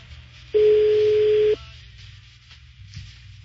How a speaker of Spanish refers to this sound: Bueno, está sonando el teléfono de la señora que tiene una marrana.